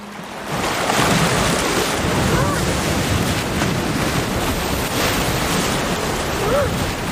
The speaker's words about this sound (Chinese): 狂风持续了一整夜，汹涌的海浪不断冲击着港海豹的上岸点。